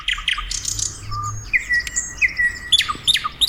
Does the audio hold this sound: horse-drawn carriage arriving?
no